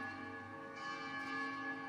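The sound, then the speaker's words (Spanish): Church bells toll during a Mass, their deep resonant tones ringing out and overlapping in a steady, sustained hum with no one speaking. “Segundo punto, porque ya las campanas están doblando el tiempo.”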